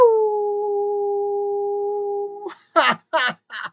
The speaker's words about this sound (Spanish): Entonces, pues, ese tipo de experiencia son agradables porque nos enseñan, nos dan buena anécdota, nos ayuda a sentirnos bastante genial y a lanzar aullidos.